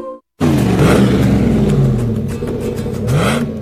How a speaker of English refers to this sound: Wow, your truck sounds great. What did you do? It is great, isn't it? I had Danny's Muffler install a customized exhaust system. Dual exhaust sounds really great. It's amazing. Your truck has a healthy, strong sound to it.